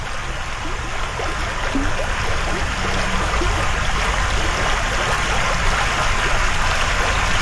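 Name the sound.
babbling brook water flowing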